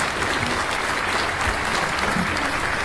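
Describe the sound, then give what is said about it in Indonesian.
Steady, dense applause from a crowd for Team B (Regu B) in a quiz competition fills the whole stretch, a continuous crackle of many hands clapping at an even, fairly loud level with no voices standing out. “Ya, tepuk tangan untuk Regu B.”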